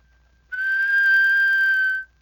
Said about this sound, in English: Let's start with a plain whistle.